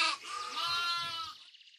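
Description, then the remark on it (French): A single sheep bleats loudly, a wavering, quavering cry lasting over a second that trails off into a fainter breathy tail. “Zut, il me manque un mouton.”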